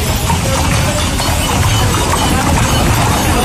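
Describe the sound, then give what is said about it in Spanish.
Horse-drawn carriages clip-clop through the streets of Huelva's city centre during the Saturday carriage parade (paseo de enganche) of the Feria de Otoño y del Caballo, a steady patter of hooves on pavement mixed with a dense wash of crowd and street noise, fairly loud and continuous with no clear speech. “Es el sonido del paseo de enganche celebrado el sábado por las calles del centro de la ciudad.”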